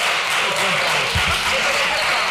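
A steady wash of applause, many hands clapping at an even, sustained level throughout, with a faint murmur of voices briefly rising underneath about halfway through.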